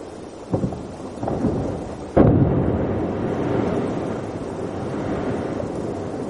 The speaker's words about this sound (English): This is an incredible sound. It sounds like thunder and rain, right? It's actually a glacier calving. Humongous chunks of ice are breaking off the glacier and cascading into the ocean. And the rain-like sound is waves.